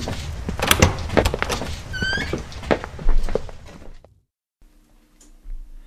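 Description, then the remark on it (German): A door opens with a cluster of clunks, rattles and a brief high creak, fairly loud, then everything cuts to near silence with a faint low hum. “durch die Tür traten, standen sie in einem gemütlich eingerichteten Studierzimmer.”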